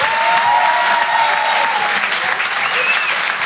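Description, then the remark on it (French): An audience at the Rire et Chanson Comedy Club in Paris applauds comedian Fonzo steadily, a dense, even wash of clapping that holds loud for a few seconds with a faint whistle or cheer riding above it. “Merci beaucoup, faites du bruit pour Gumpo.”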